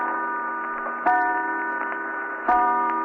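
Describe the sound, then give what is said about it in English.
A clock strikes three o'clock with slow, evenly spaced strikes, each leaving a sustained metallic ring that hangs in the air. Moderately loud, with no voices. “3 o'clock.”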